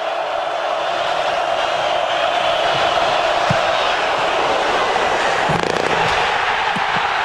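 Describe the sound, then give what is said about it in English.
A loud, steady stadium crowd in Iowa City roars for the whole clip at the Ohio State-Iowa game, with Ohio State up 10-6, while a field goal attempt gives a brief, faint knock, a doink, of the football striking the goalpost upright, barely poking through the noise. “You can hear the doink there, and of course you hear the crowd in Iowa City.”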